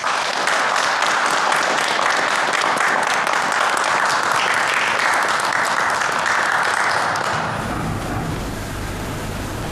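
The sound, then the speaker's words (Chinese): A large crowd of returning students applauds steadily for several seconds to welcome new students, a dense, sustained wash of clapping that fills the space before easing off near the end. “现在我建议老学员以掌声欢迎新学员。”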